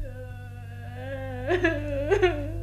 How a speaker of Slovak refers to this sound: No a z toho plaču ju chce vyliečiť a jej ruku si tým zaslúžiť princ Wendel.